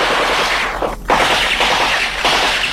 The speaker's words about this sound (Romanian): Dar cu împușcăturile astea ce e? Astea au fost între cele două recorduri.